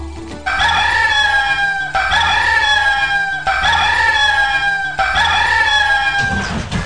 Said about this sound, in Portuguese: Seis horas e 17 minutos, tá aí o Magnel, né? O Magnel, filho da galinha Magné, é o seu despertador natural, pra você não perder a hora, porque tá na hora de acordar, né?